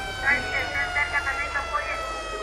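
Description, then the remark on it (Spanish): Several people, some of them trapped, scream and shout in short, repeated bursts while a steady emergency siren wails underneath after an explosion at a beach restaurant at Playa Mamitas in Playa del Carmen, Mexico, the whole scene loud and chaotic. “La llamada de emergencia se escuchó en toda la ciudad. Hay gente gritando ahí.”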